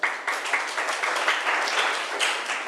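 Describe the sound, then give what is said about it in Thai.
A class of students claps for a classmate who has just answered the teacher's question, a steady, dense patter of applause that holds at a fairly even level for a few seconds, with no one speaking over it. “นักเรียนค่ะปรบมือให้เพื่อนหน่อย”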